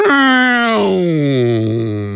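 A voice imitates the siren of an ambulance passing by, with a Doppler drop: one loud, sustained wail that holds a high pitch, then slides steadily lower for about two seconds.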